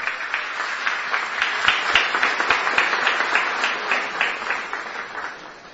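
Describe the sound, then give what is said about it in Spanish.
An audience at a Holy Mass in a basilica sanctuary breaks into sustained applause in recognition of Monsignor Marcelo Benítez, bishop of the diocese of Caazapá, and the concelebrating priests, many hands clapping in a dense, steady patter that holds for several seconds before starting to thin out at the end. No one speaks over it. “A ellos nuestro reconocimiento con un fuerte y caluroso aplauso.”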